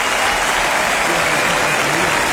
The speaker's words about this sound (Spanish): Fuerte aplauso a Canobra en el sonido, fuerte aplauso acá.